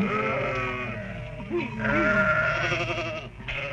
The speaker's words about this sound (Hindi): देख, एक भी भेड़ खेत में घुस गई तो तुम्हारी खैर नहीं।